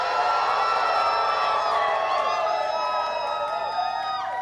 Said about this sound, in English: So on the count of three, scream your lungs out. 1, 2, 3. Let's go.